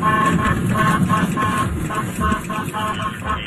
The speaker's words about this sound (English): He used his patrol car and the air horn to steer a group of runaway cows away from a roadway.